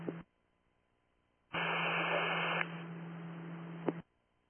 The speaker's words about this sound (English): It was all static.